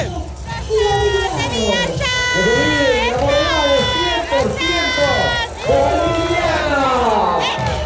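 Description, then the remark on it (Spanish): A group of girls shouting and cheering together when asked to shout louder, their high voices loud, rising and falling in overlapping bursts almost continuously, with brief dips between yells. “¡Otro grito más fuerte! ¡Vamos, chicas, avancen!”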